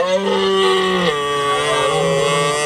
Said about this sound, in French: Ça, c'est le Brame du Cerf.